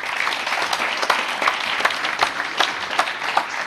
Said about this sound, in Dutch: Als allereerste mag ik een groot applaus voor directeur van de MOS